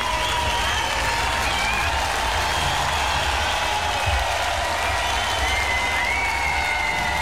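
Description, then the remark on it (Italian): A large concert crowd applauds and cheers continuously, a dense wash of clapping with scattered whoops and shouts, loud and sustained throughout with no pauses. “E adesso questa tutta per Mara. Grazie per la vostra energia.”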